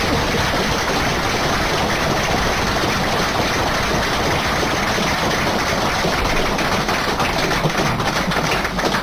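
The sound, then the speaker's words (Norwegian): An audience in Jostedalen applauds steadily for about nine seconds, a dense, even wash of many hands clapping at constant loudness with no voices. “Så en stor applaus for det, for det er kjempevist.”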